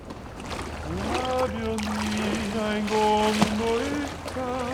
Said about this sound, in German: Mit den Klängen der sanft plätschernden Kanäle verschmelzen die Gondoliere-Gesänge jetzt zu einem beeindruckenden Venedig-Soundtrack.